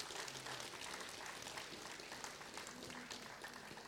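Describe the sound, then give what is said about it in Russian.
A crowd applauds the head of the technical department of Radio Ransis, dense overlapping clapping filling the space at an even level throughout, with faint murmuring voices mixed underneath. “Давайте ему поаплодируем, пусть получит свою порцию аплодисментов.”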